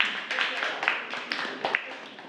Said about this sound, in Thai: ปรบมือให้กับกลุ่มที่6นะคะ